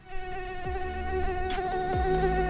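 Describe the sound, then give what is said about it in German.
A mosquito whines steadily in a bed at night at the start of summer, its thin high-pitched buzz holding for a couple of seconds with slight wavers in pitch, no voices present. “Ich hatte zum ersten Mal eine Mücke im Bett.”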